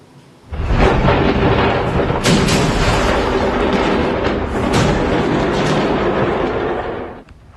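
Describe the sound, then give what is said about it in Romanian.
A powerful explosion at a fireworks factory in Malta, heard kilometres away, erupts into a long, thunderous roar that rumbles loudly for several seconds with a few sharper cracks, then cuts off abruptly. No one speaks. “Explozia la o fabrică de artificii din Malta, deflagrația s-a auzit de la kilometri distanță.”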